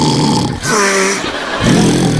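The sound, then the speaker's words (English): A loud, horrendous, rasping snore in a forest fills the whole moment: a rough, rumbling breath, a brief whistling, wheezy middle, then another coarse snort, likely a voice imitating it, unaccompanied. “Oh, ego, egg, say Beauty, what is that disgustifying snoring sound?”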